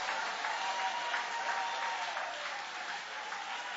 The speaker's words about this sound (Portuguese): Tem alguém aqui que acredita no cuidado de Deus? Tem. Aplaude a Ele então, louve a Ele.